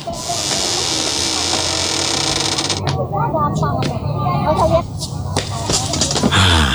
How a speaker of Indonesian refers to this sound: Sebentar, saya tutupkan dulu pintu pagarnya Pak.